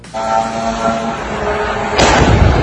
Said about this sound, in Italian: Questo è il momento in cui un drone russo entrato in uno spazio aereo della Romania si è schiantato sul tetto di un edificio residenziale a Galati, vicino al confine ucraino, provocando un incendio, danni e due feriti lievi.